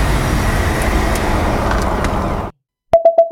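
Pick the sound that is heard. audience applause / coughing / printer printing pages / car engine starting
car engine starting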